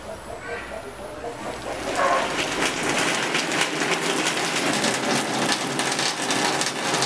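Steady rain patters hard on a roof, a dense, continuous hiss with scattered drips that swells after the first couple of seconds and stays loud throughout.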